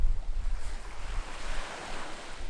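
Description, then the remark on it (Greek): Gentle waves wash steadily against the shore at Xiropotamos beach, a soft continuous surf with a low rumble of wind buffeting the microphone underneath. No one speaks. “Παραλία Ξηροπόταμος. Σαν ιδιωτική πισίνα.”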